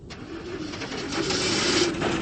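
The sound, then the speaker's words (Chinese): A motorcycle engine drones steadily and grows slightly louder as it is ridden into the courtyard of an intelligence bureau, its low throaty hum filling the scene with no voices present. “骑着摩托车进了情报局的院子。”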